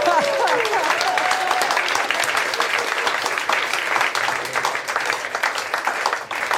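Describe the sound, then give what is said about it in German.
An audience claps in a dense, steady burst of applause that holds loud for several seconds, with a short rising whoop or whistle right at the start. “Applaus für den Huflattich von morgen.”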